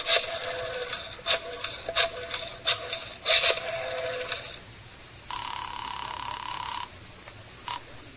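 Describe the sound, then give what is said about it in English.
Someone dials a telephone: a rapid series of buzzing, clicking pulses, followed by a steady electronic tone and one short final beep. No one speaks. “Mind if I use your phone?”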